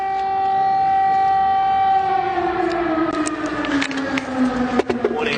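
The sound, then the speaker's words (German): A loud air raid alert siren wails steadily in Kyiv, Ukraine, its tone holding and then slowly sliding downward in pitch, with faint scattered clatter and background noise beneath it. “Immer wieder heulen die Sirenen des Luftalarms, immer wieder sind Explosionen zu hören.”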